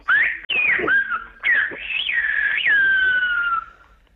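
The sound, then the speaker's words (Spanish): A loud human whistle in Silbo Gomero, the whistled language of the Canary Islands, in sliding, speech-like contours rising and falling between tones, with short pauses and a long sustained gliding note at the end, whistling the phrase 'the Pope is here, let us raise our gaze'. “Vamos allá, lo haremos con el silbo gomero. Y lo voy a silbar aquí y voy a decir: el Papa ya está aquí, alcemos la mirada.”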